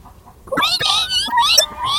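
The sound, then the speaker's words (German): Twin kittens squeal shrilly in several high, wavering bursts that overlap one another, starting after a brief quiet moment and continuing fairly loud to the end. “Zwillinge quietschen grell.”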